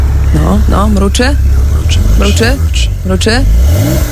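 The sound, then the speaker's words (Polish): The engine of a Porsche 911 sports car, the new car of former president Andrzej Duda, is started and rumbles low and steady throughout, with several rising, revving bursts over it, loud; a voice seems to imitate the revs. “Słuchajcie, odpalamy nowy samochód byłego prezydenta Andrzeja Dudy.”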